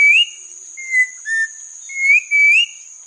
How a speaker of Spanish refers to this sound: El trino del turpial montañero forma parte del Banco de Sonidos de Aves Colombianas, recopilado por el Instituto von Humboldt y la Universidad de Cornell.